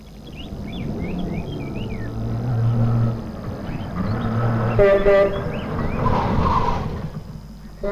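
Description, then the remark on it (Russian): A car engine rumbles with a steady low drone that swells midway as the car is about to drive in through a gate, while birds chirp in the background. “Ой, сейчас машина въедет в ворота, и мне нужно бежать”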